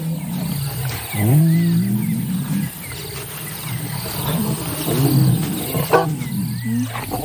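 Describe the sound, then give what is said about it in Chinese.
Lions, two brothers reunited after days apart, give deep, groaning roars in two bursts, one early and one later, over a steady hum of insects and crickets. Softer grunts and rumbles fill the gaps between the louder calls. “多日未见的狮子兄弟亲密地靠在一起，穆迪瞬间就把启萨抛到了脑后。”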